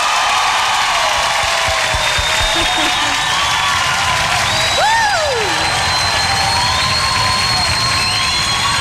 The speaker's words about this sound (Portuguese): Eu gostaria de receber com muito carinho, com aplauso de todos vocês,